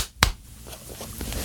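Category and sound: human body sound, hand clapping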